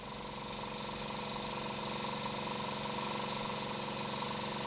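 A small power drill runs steadily, boring a hole in the base of an oyster shell at a pearl oyster farm so a rope can be threaded through, with a continuous high-pitched whir and grinding buzz, fairly loud throughout.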